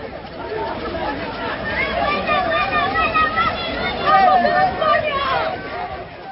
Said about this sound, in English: Well, that footage shows crowds of people, many of them Moroccans, running along the beach in Fayouta.